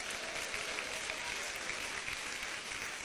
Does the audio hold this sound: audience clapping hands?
yes